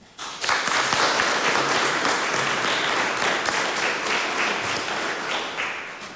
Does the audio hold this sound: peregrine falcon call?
no